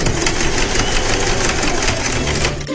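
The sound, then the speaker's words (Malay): A sewing machine stitching clothes runs steadily, its needle hammering out a fast, even mechanical clatter over a low motor hum. The stitching is loud and continuous with no voices, easing slightly near the end. “jahit baju tu.”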